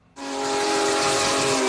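The historic steam locomotive Big Boy number 4014, on its first trip to the East Coast, sounds its whistle. It bursts in suddenly and holds one loud, steady, breathy blast with a hissing edge, with no voices.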